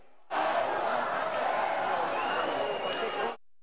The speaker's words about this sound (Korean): 무단 입국 사태를 해결하기 위해 페드로 산체스 스페인 총리가 현장을 찾았습니다. 총리를 기다리고 있는 것은 성난 주민들의 항의와 야유입니다.